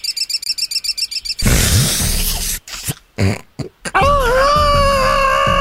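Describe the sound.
A voice mimics a budgerigar: a quick run of about a dozen high, evenly spaced chirps, then a loud harsh rasp with brief pauses, ending in a bright warbling tone that glides in pitch.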